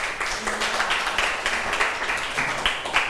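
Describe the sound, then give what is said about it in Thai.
A class of students applauds a classmate for a correct answer, a dense, steady patter of many hands clapping at an even loudness for about three seconds, with a faint voice briefly audible underneath. “ถูกต้องไหมคะใช่ค่ะเก่งมากปรบมือให้เพื่อนหน่อยค่ะ”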